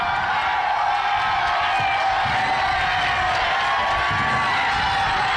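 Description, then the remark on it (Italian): A large crowd of the faithful cheers and applauds Pope Leo's arrival in the heart of the Republic of San Marino, a dense wall of clapping, shouts and whoops that stays loud and steady throughout, with no single voice standing out. “Sentite, cari amici, l'entusiasmo di Papa Leone al suo arrivo nel cuore della Repubblica di San Marino.”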